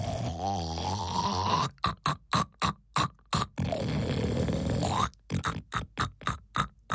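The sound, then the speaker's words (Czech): A dozing hen sitting on eggs snores: long, drawn-out rasping breaths alternate with quick runs of short, rhythmic snorts, fairly loud with no talking over them. “Čmeláci chvilku poslouchali ten slepičí koncert,”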